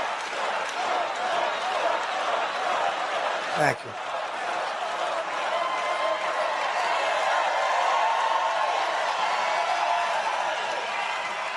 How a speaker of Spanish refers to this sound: él mismo dijo en estos días en un acto, abro comillas, podría decir las cosas más estúpidas y ustedes aplaudirían. ¿Y qué pasó? Lo aplaudieron.